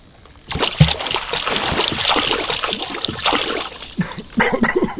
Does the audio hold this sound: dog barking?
no